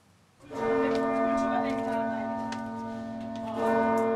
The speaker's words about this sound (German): Um 12 Uhr gibt es insgesamt, das muss ich schon rechnen, 28 Glockenschläge. Und dann fängt eigentlich das volle Geläut an. Man wartet dann die 28 Schläge ab.